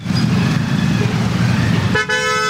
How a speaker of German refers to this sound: Ein typischer Morgen in Delhi. Der Verkehr nimmt zu, von überall her ertönen Hupen. 2 Räder zwängen sich durch die Lücken.